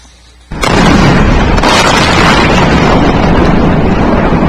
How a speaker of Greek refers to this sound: Εκρήξεις ακούγονται στην πόλη Τσαμπαχάρ, μία από τις πολλές ιρανικές πόλεις στην νοτιοανατολική ακτή του Ιράν, που χτυπήθηκε από τις Ηνωμένες Πολιτείες στο νέο κύμα επιθέσεων για δεύτερη συνεχόμενη νύχτα,